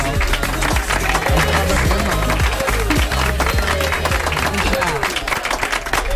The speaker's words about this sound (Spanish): Un aplauso.